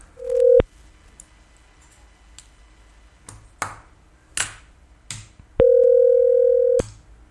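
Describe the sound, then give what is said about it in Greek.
A steady telephone line tone sounds twice, a short burst and then a longer one, with several sharp clicks and handling knocks in the pause between. No one speaks. “Κομμουνιστάκι πρέπει να είναι το τηλέφωνο. Μόνο το κόκκινο πατιέται.”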